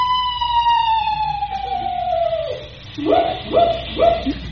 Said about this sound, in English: Just a screech owl, Unc. Oh? Must have the hiccups.